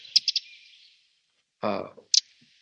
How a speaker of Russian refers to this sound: Но давайте голос попробуем, послушаем крапивника, потому что голос у него очень хороший, поет он очень здорово. Здорово поет, да?